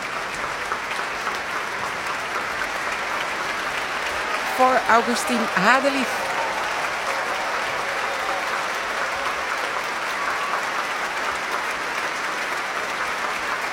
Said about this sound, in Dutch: En opnieuw een staande ovatie.